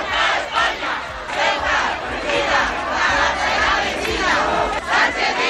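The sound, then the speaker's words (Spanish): A large crowd of protesters shouts and chants together in a sustained, loud roar, voices overlapping continuously with rhythmic surges, at the Plaza de la Constitución in Ceuta, at a protest called by Ceuta's religious communities demanding solutions to the migration crisis. “Terminaría con un escenario oficial, la Plaza de la Constitución, con gritos”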